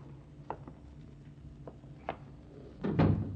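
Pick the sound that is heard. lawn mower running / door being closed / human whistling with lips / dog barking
door being closed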